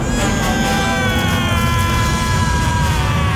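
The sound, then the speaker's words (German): A heavy, continuous explosion roar as a farmhouse is blown up fills the whole few seconds, a dense low rumble laced with a steady droning whine, staying loud and even without fading. “Eine Explosion! Sie jagen den Bauernhof in die Luft!”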